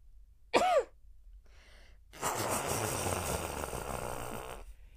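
A short, sharp sneeze bursts out, followed after a brief pause by a long, noisy nose blow that rasps steadily for a few seconds before stopping. No talking.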